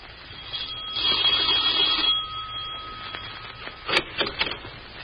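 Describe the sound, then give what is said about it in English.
A doorbell rings with a steady, high, buzzing tone that holds for about two seconds, then stops; a few sharp clicks and rattles follow near the end. “Marge had gone to a picture when the doorbell rang.”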